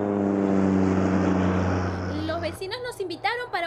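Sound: small propeller airplane flying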